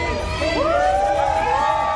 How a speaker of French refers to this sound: elle salue ses fans amassés derrière une barrière de sécurité et les accompagne sur son tube le plus populaire. Jusqu'au balcon des immeubles voisins, la foule l'acclame.